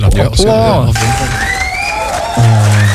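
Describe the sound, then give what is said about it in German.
A short burst of crowd cheering and applause, with shouting voices and rising whistles running steadily through the full few seconds at a fairly loud level. “Dann kriegt der von uns Applaus.”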